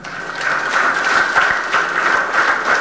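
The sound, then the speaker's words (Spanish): An audience claps in a steady, dense burst of applause lasting a few seconds, many hands overlapping with no one speaking over it. “Un aplauso para ellos mismos.”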